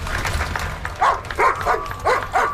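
A police service dog named Leroy, newly badged with Alberta police, barks about five times in quick succession, sharp, with short gaps between barks over a low background rumble.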